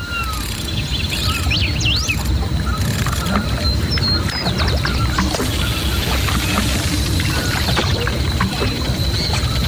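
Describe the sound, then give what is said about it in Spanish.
River water flows in a steady, full rush that stays close and fairly loud throughout, with scattered high chirps sounding above the constant wash. “Está el río.”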